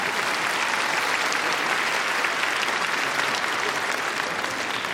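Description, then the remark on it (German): Steady audience applause for Ludwig van Beethoven, celebrating his birthday, fills the whole stretch, a dense crackle of many hands clapping at an even, fairly loud level with no voices standing out. “Einen großen Applaus für Ludwig van Beethoven.”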